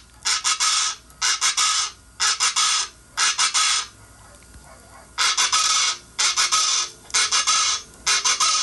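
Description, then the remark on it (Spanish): Chachalacas calling in loud, raspy bursts, a rhythmic run of four harsh calls, a short pause, then another run of four, with no voices present. “Dicen que cuando las chachalacas así se oyen es porque cuando las chachalacas cantan es porque dicen que va a llover.”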